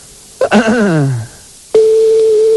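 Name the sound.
telephone number being dialed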